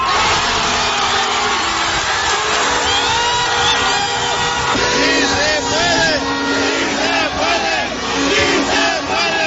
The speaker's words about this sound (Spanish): imagínate en el Zócalo, con miles de personas cantando el himno.